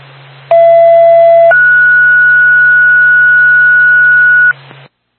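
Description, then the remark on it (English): A two-tone Twin State dispatch pager alert for Woodsville ambulance backup, the second tone for a second medical call in Groton, Vermont, over a hissing, humming radio channel: a lower steady tone for about a second, then a higher tone held for roughly three seconds before the transmission cuts off. “Stand by for second tone.”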